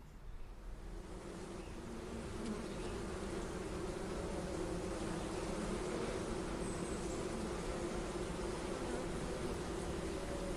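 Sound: honeybees buzzing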